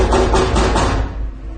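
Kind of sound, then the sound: household object, knocking on a door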